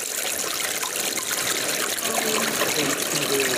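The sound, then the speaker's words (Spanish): Water trickles and splashes steadily, a continuous bubbling flow that keeps an even level from start to finish without pausing. The water is leaking up through the floor of residents' homes, apparently from the San Cristóbal municipal water tanks on the upper part of the hill. “A consecuencia del agua, por lo que parece, le ha estado emanando agua a los propios vecinos del suelo y es un grave problema para sus casas y para sus familias.”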